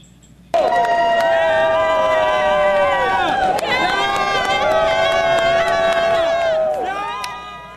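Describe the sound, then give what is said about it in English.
A stadium crowd at the World Cup bursts into loud, wild cheering as Team USA beats Australia, with sustained roaring and rising shouts that stay strong for several seconds before easing off slightly at the end. “The crowd goes wild as Team USA beats Australia in the World Cup.”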